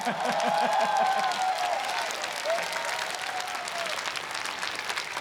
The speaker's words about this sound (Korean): 생각보단 박수가 많이 서운하게 나오네요.